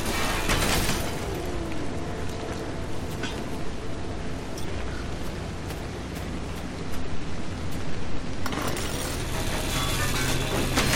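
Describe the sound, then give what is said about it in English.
A loud, continuous harsh roar of an angle grinder cutting scrap metal from a car, steady for the whole stretch with a brief surge in intensity near the end, no voices. “All right, we're taking the grinder to the car.”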